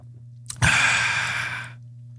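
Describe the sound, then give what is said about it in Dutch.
One long, airy slurp of a hot drink, drawn in with a steady hissing rush for about a second before trailing off. No talking. “Rare slurp, hè?”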